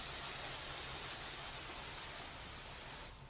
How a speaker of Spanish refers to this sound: Lluvia y viento esta tarde en Burgi, en el Pirineo Navarro.